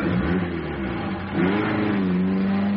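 A police car engine revs up and pulls away, its steady mid-pitched drone rising in pitch partway through as it accelerates, fairly loud with no voices.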